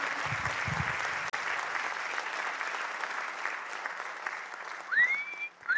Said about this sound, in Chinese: 那我快点拍手。